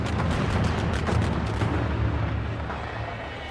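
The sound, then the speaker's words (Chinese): A string of firecrackers goes off in rapid, dense crackling bursts during a big-head dog folk dance procession along the street in Xinping, with gongs and drums, loud at first, then thinning into a rumbling, noisy wash as the popping fades. “它是一种古代驱挪逐疫仪式，舞动时敲锣打鼓，燃放鞭炮，沿街扫荡。”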